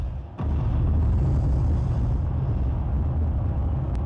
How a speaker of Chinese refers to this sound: 火箭点燃引擎的声音，包括整个升空的声音是实录， 像是升空发射的感觉了。